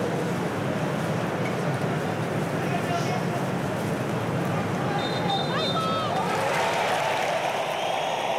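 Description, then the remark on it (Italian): A large stadium crowd at a football match between Croatia and Ghana applauds after a moment of silence, as the teams take their places in their halves before kickoff; a dense, steady roar of clapping stays loud throughout, with a few faint high whistle-like tones rising partway through. “L'applauso, adesso le squadre vanno a sistemarsi nelle rispettive metà campo”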